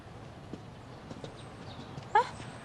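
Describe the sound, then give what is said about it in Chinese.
Donkey hooves clop faintly and unevenly, a few soft knocks spread apart, followed near the end by a brief, louder animal-like cry over a low background hum. “你个驴，你别碰我驴！”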